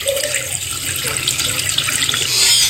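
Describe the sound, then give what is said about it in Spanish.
Water runs steadily from a faucet, a continuous hiss and splash that swells slightly louder near the end, with no voices. “Cerraste todas las llaves, pero tu medidor sigue girando.”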